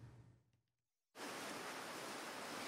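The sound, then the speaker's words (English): After a brief fading murmur and a moment of silence, a loud, steady wash of ocean waves rolling onto Bondi Beach in Sydney rushes in abruptly and holds, full, with no voices. “The waves still roll in at Bondi Beach.”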